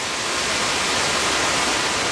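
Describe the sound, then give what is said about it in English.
A steady, dense roar of a powerful rushing river in the lush rainforest of Tatama National Park on the western slope of the Andes Mountains, continuous and fairly loud throughout, with no voices or other distinct sounds breaking through. “On the western slope of the Andes Mountains, in an area with few roads in or out, lies Tatama National Park, a vast stretch of lush rainforest punctuated by powerful rivers.”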